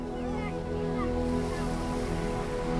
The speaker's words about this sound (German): Manchmal muss man einen Weg durch die Dünen nehmen, um zu dir zu kommen. Beim Hindurchspazieren weht einem der Wind leicht durchs Haar. Und man hört schon hier leise das Meer rauschen.